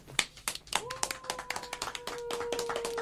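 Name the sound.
audience applause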